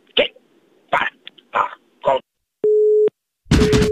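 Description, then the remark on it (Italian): Four short, rough bursts are followed by a steady, low-pitched telephone busy tone beep lasting half a second, heard after the other party hung up the phone. A loud burst of noise then breaks in with the tone still faintly underneath. “Il vecchio contadino bastardo ha chiuso come sempre il telefono, ma non si molla la preda.”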